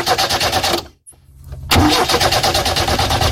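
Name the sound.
car engine starting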